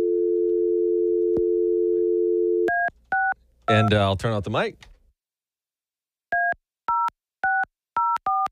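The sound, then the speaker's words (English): A steady telephone dial tone hums for a few seconds, then touch-tone keypad beeps begin as a man dials a winner's phone number. The beeps pause briefly while he speaks, before a quick run of about seven more dialing tones. “Yeah, I'm trying to dial their number here.”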